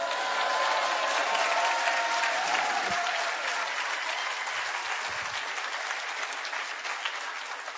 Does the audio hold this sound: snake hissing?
no